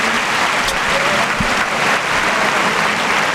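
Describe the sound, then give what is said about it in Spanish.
Sustained applause from a large outdoor crowd at a bullring, a great ovation for the bullfighter Borja Jiménez: a steady dense roar of clapping with scattered shouts, loud and continuous throughout. “Gran ovación para Borja Jiménez, que va vestido de rosa y oro y se va hacia los medios.”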